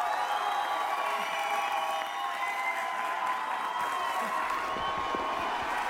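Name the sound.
audience applause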